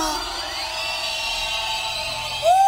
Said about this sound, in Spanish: Que se escuche un silbido para Jehová.